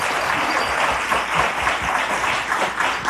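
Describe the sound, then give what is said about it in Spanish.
A crowd applauds steadily, many hands clapping in a dense, continuous wash at an even volume for a few seconds, with no voices standing out. “Bravísimo, si es para aplaudirlo.”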